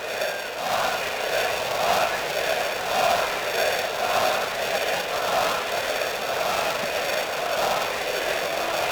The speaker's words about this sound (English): Not sure I know what they're saying, or maybe I don't want to. The crowd down the right field line.